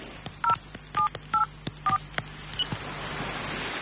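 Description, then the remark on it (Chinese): A series of short keypad tones as a number is dialed on a mobile phone with a newly inserted SIM card in a radio drama, set in a hotel presidential suite: five or six beeps in an uneven rhythm, clear, with faint clicks and a low background hum, no voices. “打开夹层，拿出一个手机卡，他拿起手机换上这个卡片，拨打了一个号码。”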